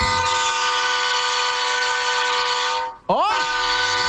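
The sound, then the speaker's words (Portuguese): A train driver from Sorocaba blows a train horn for a radio station's horn-honking segment: a loud, steady, rich multi-tone chord for about three seconds, cutting out briefly with a swooping pitch dip, then sounding again. A short vocal exclamation is heard. “Aqui, maquinista. Escuta o som da buzina.”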